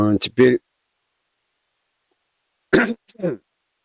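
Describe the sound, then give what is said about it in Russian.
A person clears their throat in a short, rough burst, then after nearly two seconds of silence gives another harsh throat-clearing cough. Both sounds are fairly loud, with no talking. “Потом толковище, чего же мне не хрипеть и не кашлять?”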